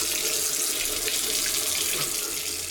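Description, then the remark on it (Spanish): A kitchen tap runs steadily, a continuous hissing splash of water pouring into a sink, even in loudness, with no voices. “Si no cerras la llave mientras lavas dos platos o te cepillas los dientes, estás desperdiciando el agua que se tomarían 44 personas en un solo día.”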